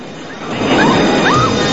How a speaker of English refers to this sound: A fuel canister in the back of the truck explodes.